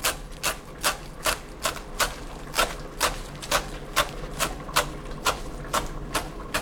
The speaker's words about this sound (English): I'm gonna chop up the rest of the coriander here.